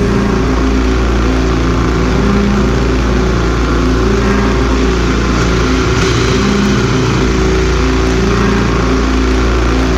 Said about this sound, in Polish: Muzyka również transowa, dlatego że jest to z jednej strony ten właśnie industrial, z drugiej strony dark ambient, to jest też taka dronowa muzyka, a muzyka dronowa właśnie zawiera w sobie ten taki pierwiastek powtarzalności